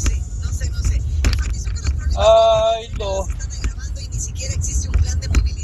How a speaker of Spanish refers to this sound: Tráfico, super tráfico acá en el cañón de la Encina.